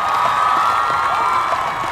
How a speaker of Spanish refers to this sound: Aplauso, ¿no?